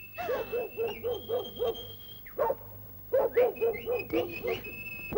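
A dog yaps in quick, rhythmic bursts, moderately loud. After a brief pause a single bark comes, then another rapid run, over a faint steady background tone.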